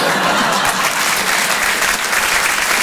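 A comedy club audience applauds, a dense, steady wash of many hands clapping at once, loud and sustained throughout with no voices breaking through.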